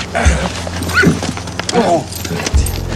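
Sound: horse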